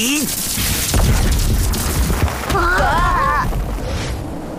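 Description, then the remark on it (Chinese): Loud crashing and booming as hard rocks in a dig site are kicked and smashed apart, a dense run of heavy impacts and rubble, with a brief vocal cry partway through. “哇，石头都被打碎了，好厉害！”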